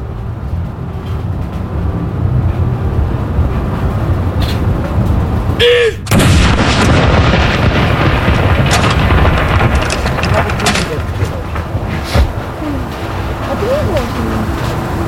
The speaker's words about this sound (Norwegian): Jeg ser også ned på kaja her, rett ned for Akershus festning, så står det folk og ser opp hit. Stille og rolig og få med seg salutene derfra nede på kaja. Andre kanon!